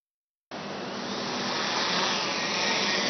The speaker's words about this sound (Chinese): 香港警方这个月展开全港的交通执法行动，加强利用无人机协助监察，重点打击不专注驾驶行为，来提升执法的效率和灵活性。